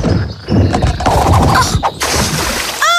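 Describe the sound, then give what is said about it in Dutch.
A loud, messy splash as someone falls into water during a log-walking game, with sloshing and churning noise lasting a few seconds, then a brief whistling sound effect at the very end. “Let wel op dat je niet in het water valt.”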